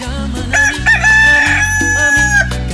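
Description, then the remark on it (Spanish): A rooster crows once, a loud, drawn-out call lasting about two seconds, heard over a steady thumping music beat with no talking. “¿Cómo canta mi gallo?”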